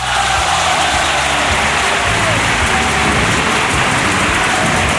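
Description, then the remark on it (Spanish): Loud, steady applause from a crowd, a dense crackling wash of many hands clapping that holds at full strength for the whole five seconds without fading. “Claro, claro, aplausos.”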